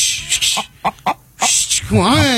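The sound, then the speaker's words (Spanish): Several short, sharp bursts are followed by a warbling rooster crow, loud, lasting about a second at the end. “Ese gallo tiene mucha audiencia.”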